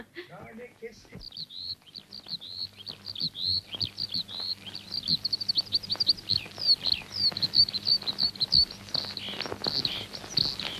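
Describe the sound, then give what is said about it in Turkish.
A crowd of small caged birds, sold to be set free, chirps and tweets continuously, rapid high calls overlapping and growing louder, over a low steady hum, after a brief voice at the start. “Gökleri, denizleri, ağaçları özlemiş azat kuşum. Kafesinden kurtul, yaşayacağın yerlere uç.”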